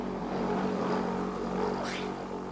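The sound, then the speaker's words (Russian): A car engine rumbles steadily, with a broad whoosh sweeping through near the end as it passes by. “Машина, думала, под колеса попадешь, испугалась.”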